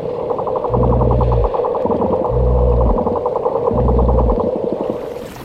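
Rapid, steady trains of bottlenose dolphin sonar clicks underwater, fairly loud, from pods navigating near the coast by biological sonar, with three deep droning pulses swelling beneath them.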